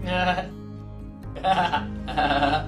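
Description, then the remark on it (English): A voice imitates a goat's bleat in three wavering, vibrato-laden bursts, fairly loud, with short pauses between them. “Once upon a time, a mother hen and her chicks lived at the edge of a big field with their friends duck, quack, quack, cat, meow, and goat.”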